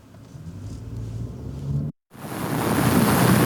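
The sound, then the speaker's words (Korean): Steady seaside wind and surf rumble broadly beside a new coastal converter station, a facility that can send surplus Jeju electricity to the mainland by undersea cable. A brief dead gap cuts in partway through, then the wash of waves and wind returns louder and brighter. No one speaks. “바닷가에 바짝 붙은 최신 변환소.”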